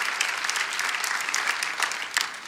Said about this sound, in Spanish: Vamos, dale ese aplauso a Jesús si lo crees. De acuerdo a tu fe se ha hecho, vamos.